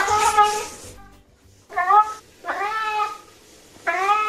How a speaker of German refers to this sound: Gustl miaut einen bekannten Song. Und dafür brauchen wir erstmal sein Maunzen.